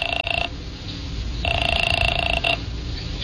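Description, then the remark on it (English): A telephone rings in two bursts, a short one and then a longer one, as someone places a call. It is a steady electronic trill over a low background rumble, clear, with no one speaking. “I used her phone and called Wanda.”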